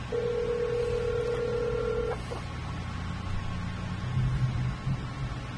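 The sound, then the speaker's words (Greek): A phone call placed to reach someone on the line: one steady ringback tone lasts about two seconds, then only line hiss and low hum follow, with no answer and no voices. “Δεν πιστεύω να πατήσω το τηλέφωνο, γιατί είναι πολύ μπίζο και αυτός τώρα, δεξιά και αριστερά.”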